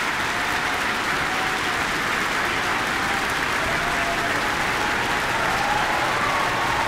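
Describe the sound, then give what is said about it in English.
Sustained, loud applause and a partial standing ovation from a near-capacity audience at the Michael Fowler Centre after a New Zealand Symphony Orchestra performance of a Rachmaninoff concerto; a dense wash of clapping that stays steady throughout with a faint crowd murmur underneath. “Listen to the sound of the audience. It's pretty much a capacity crowd in the Michael Fowler Centre tonight.”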